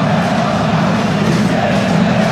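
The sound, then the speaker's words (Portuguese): A large stadium crowd of Internacional football fans roars and cheers at the arena, celebrating a partial 1-0 lead, a loud, steady wall of massed voices that holds without a break and with no single voice standing out. “Aí a torcida do Internacional, faceira com resultado parcial aqui na arena, fazendo festa.”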